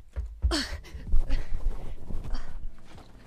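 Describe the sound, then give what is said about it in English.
A voice imitates someone rushing into a room and digging through clothes, with breathy rustling and shuffling bursts, starting with a sharp swish and continuing as an uneven scratchy flurry for a few seconds. “You rush into your room and start digging through clothes.”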